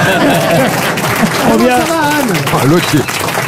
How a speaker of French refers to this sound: Anne Roumanoff, applaudissements.